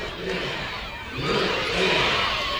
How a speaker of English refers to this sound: Crowd into it here at Port Arthur Stadium. Looks very full here tonight for their home opener. And they're chanting for root beer for a promotion here, hoping for a strikeout against Muniz.